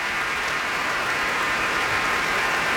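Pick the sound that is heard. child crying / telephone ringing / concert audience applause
concert audience applause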